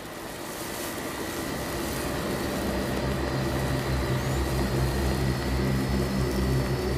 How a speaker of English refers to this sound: The beginning of December. Change comes suddenly out of nowhere. It begins with a gust of wind.